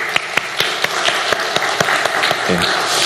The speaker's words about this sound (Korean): 다시 한번 우리 하나님 앞에 감사하며 우리 박수 할까요?